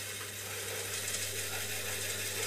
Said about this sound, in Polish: O, to jest taśma, która lata tak po magnetofonie.